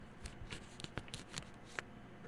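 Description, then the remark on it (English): A sealed package is cut open for an ASMR unboxing recording, with a series of quick, crisp snips and scratchy slicing sounds, irregular and fairly quiet, over a steady low background hum with no one talking. “I'm cutting it open.”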